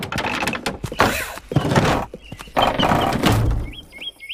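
A door opens with a series of heavy clunks and a scraping slide, fairly loud, followed by a few short high chirping tones.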